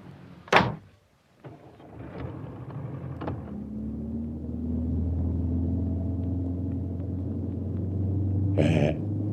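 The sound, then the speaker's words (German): A car door slams shut, then a car engine starts and settles into a steady rumble that rises slightly in pitch as the vehicle pulls away, with a brief clunk near the end. “Steig in das Auto, wir fahren.”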